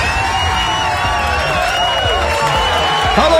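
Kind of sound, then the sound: crowd, applause and cheering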